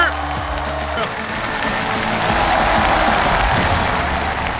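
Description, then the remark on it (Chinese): A large audience applauds loudly and steadily for several seconds, a dense wash of clapping with some cheering, while low music fades out under it at the start, welcoming three teachers on Xinjiang Radio and Television's dance show New National Dance Conference, season 2. “再次用掌声欢迎三位老师。”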